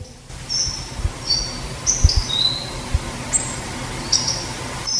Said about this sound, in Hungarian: Egy hangot például megmutatok, például a megyvágó.